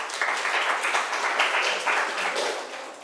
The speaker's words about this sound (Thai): นักเรียนค่ะปรบมือให้เพื่อนหน่อยค่ะ